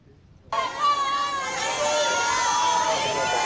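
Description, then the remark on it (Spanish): A crowd of fans at a hotel in San Sebastián during the film festival suddenly bursts into loud, sustained high-pitched screaming and shrieking at the arrival of actor Ricardo Darín, holding steady without a break after the abrupt start. “Estos eran los gritos a su llegada”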